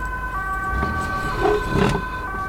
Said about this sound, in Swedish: En ambulans. Va? Den kör iväg. Det måste ha varit här i huset.